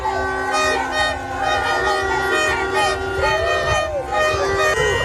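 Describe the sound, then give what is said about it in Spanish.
Busy street din in Bogotá, Colombia, packed with car horns blaring long, overlapping tones for the whole stretch, a few notes sliding in pitch, over a constant low rumble and murmuring voices. “Es el sonido de las calles de Bogotá.”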